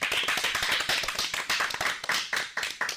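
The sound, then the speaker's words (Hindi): A group of schoolchildren clap loudly at the start of the day's programme, with rapid overlapping hand claps forming a steady burst of applause that lasts the whole three seconds, and no voices heard. “तो एक बार जोरदार तालियां हो जाएं।”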